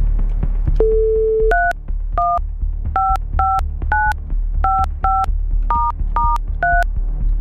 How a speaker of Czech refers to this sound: Je vytočeno.